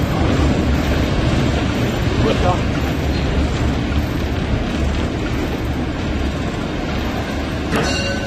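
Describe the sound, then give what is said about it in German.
Loud, steady roar and rattle of a locomotive cab in motion as it enters Halberstadt, with faint, hard-to-make-out voices of a radio telephone call between the locomotive and the signal box buried beneath the din. “Ein Funktelefon verbindet die Lok mit dem Stellwerk.”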